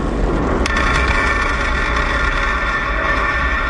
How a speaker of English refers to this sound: We just heard some great sonic booms in the first stage, slowing down the vehicle to near zero. Stage one landing confirmed.